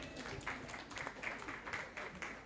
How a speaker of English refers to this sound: Where is she? Oh, please keep clapping for her.